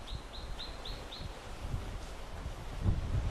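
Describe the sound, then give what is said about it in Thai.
Wind buffets the microphone in low, uneven gusts that swell louder near the end, at a scenic viewpoint with a Buddha worship spot in Hua Hin, Thailand, where the wind blows all day; a bird chirps five quick times early on. Nobody speaks. “ครับโอ้โหใช่อากาศดี วิวสวยมากวิวสวยมาก นี่มีลมพัดตลอดทั้งวัน”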